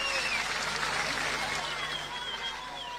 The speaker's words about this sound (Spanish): Más fuerte el aplauso, más fuerte el aplauso.